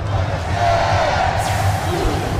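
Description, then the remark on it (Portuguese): A stadium crowd of Atlético Mineiro (Galo) football fans at Arena MRV shouts and roars during a Brasileirão match against Mirassol, late in the second half with Galo leading 3–1. It is a dense, sustained wall of voices, loud and steady for the whole stretch with a few rising yells poking through the din. “Massa tá gritando bastante.”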